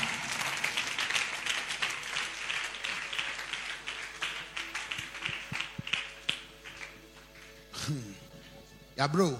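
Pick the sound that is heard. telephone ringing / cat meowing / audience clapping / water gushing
audience clapping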